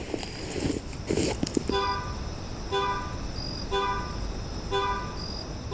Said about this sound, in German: Da ist das Hupen wieder. Und also, ich kann niemanden am Dodge oder in der Nähe entdecken.